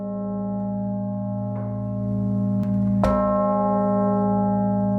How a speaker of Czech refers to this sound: The historic center will be filled with the ringing of 29 church bells at 5 p.m. Among other things, people will also be able to hear the bishop's bell from the northern tower of the Cathedral of Saints Peter and Paul, which is otherwise silent.